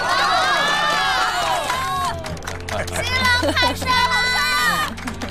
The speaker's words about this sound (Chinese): 下面有请我们的新郎官讲两句，大家鼓掌欢迎。